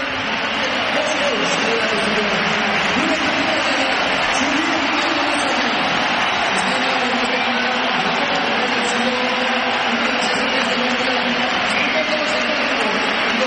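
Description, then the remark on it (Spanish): A stadium crowd applauds and whistles as world champion Mikel Oyarzabal comes out, the clapping and whistling coming from behind the goal and from the seats, in a dense, unbroken roar. It stays loud and steady throughout, with no pauses or clear peaks. “ya te puedo anticipar, y lo estáis oyendo, que se va a pitar la salida de Mikel Oyarzabal y se van a mezclar aplausos y pitos, unos que vienen del fondo, otros de los asientos.”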